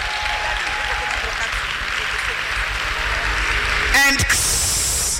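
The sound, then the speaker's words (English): A crowd bursts into sustained, dense applause as a clap offering to Jesus, many hands clapping at once in a steady roar that swells slightly toward the end. “Give a better clap offering unto Jesus.”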